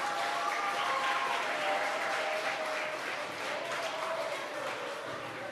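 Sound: audience applause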